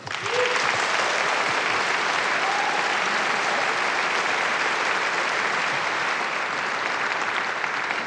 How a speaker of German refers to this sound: dann kriegt er auch nochmal seinen verdienten Applaus.